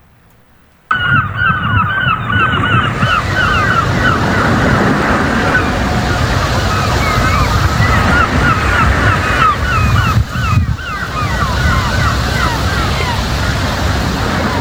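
After a brief silence, a loud, steady wash of ocean waves fills a morning scene in a remote border region, with scattered high bird calls chirping above the surf throughout.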